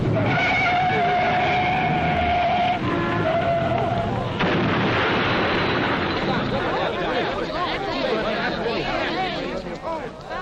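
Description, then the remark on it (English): A car's tires screech in a long, high squeal as two cars coming from opposite directions fail to slow down, then a loud, crunching crash breaks out and keeps rattling and clattering noisily for several seconds. “Here comes a car now from one direction, and, uh-oh, here comes Joe from the other. And unless somebody slows down, it ought to happen right here.”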